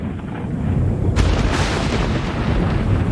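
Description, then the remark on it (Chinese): A deep, rolling rumble of thunder from the first lightning of the rainy season runs throughout, with a sharper crackling burst about a second in before the heavy roar continues unbroken. No one speaks. “雨季的第一道闪电划过天空，洪水来了。”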